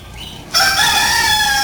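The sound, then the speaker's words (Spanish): A rooster crows loudly, a sustained, bright cock-a-doodle-doo that bursts in suddenly after a brief quiet lead-in and holds strong to the end. “Ya les cantó el gallo.”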